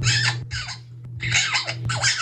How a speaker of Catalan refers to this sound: Escolta el lloro, que té més visió de futur que tu.